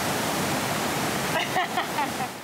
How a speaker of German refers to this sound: Das Ungewöhnliche, sie befindet sich in einem Osnabrücker Kaufhaus. Zum Glück kann bei dem Lärm niemand mein Herzrasen hören. Kann man die Welle nicht ein bisschen kleiner einstellen? Das ist schon die kleinste Welle.